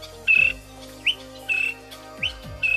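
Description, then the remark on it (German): A honeyguide's whistling call, given when it has found a beehive, repeats in a steady rhythm: bright, high tonal notes alternate with short rising chirps, clear, with no voices. “So pfeift der Honey Guide, wenn er einen Bienenstock gefunden hat.”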